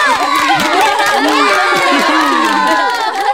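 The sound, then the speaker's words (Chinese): A crowd cheers happily after a football trophy presentation, many high, excited voices shouting and whooping over each other in a loud, continuous burst that stays full for the whole moment. “大家高兴地欢呼起来。”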